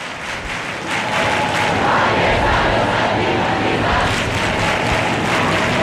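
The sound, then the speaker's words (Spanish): A large crowd in the Puerta del Sol square in Madrid sings, claps and raises their arms together, a dense, steady roar of voices and hand claps that swells after the first second and stays loud throughout. “pero no hay ningún incidente, es solo gente cantando, tocando las palmas y levantando los brazos.”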